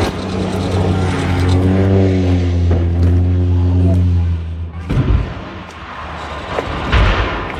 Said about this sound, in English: The plane veers left, and you can hear the impact on the water and then a rock.